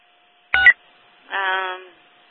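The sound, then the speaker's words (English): A short, sharp electronic burst followed by a longer buzzy tone, like telephone keypad dialing tones, fairly loud against a faint steady background hum, with no one talking, as a number listed by an alarm company is dialed to reach someone. “There's a number listed. We'll see if we can make contact with somebody.”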